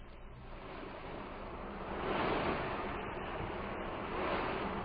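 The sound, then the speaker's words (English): Steady ocean surf by Gull Cottage in Whitecliff rushes and hisses, swelling louder partway through as a wave breaks, then holding a broad, continuous wash of water with no voices. “it's lovely, and so close to the ocean.”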